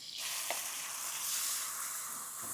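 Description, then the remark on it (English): A steady, loud sizzle of minced onion frying in a hot pan, a dense hiss that holds even throughout, with a faint stirring scrape partway through and no talking. “So now I'm going to go in with the onion. This onion's going to cook like in 1 second.”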